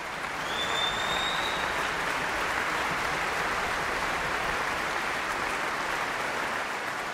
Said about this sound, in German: Ja, Sie hören es. Es gibt viel Jubel, es gibt viel Applaus für Sharon Kam, für Andris Poger und das Orchester.